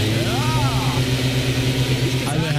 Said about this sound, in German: Herrlich. War der Laubbläser, habt ihr gleich erkannt. Das ist für mich das nervigste aller Herbstgeräusche,